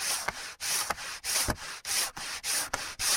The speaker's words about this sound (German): So, fertig. Jetzt haben wir alle unsere Holzteile perfekt glatt geschliffen.